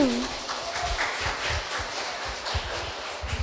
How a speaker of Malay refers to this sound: Tepuk tangan dan tunjukkan semangatmu.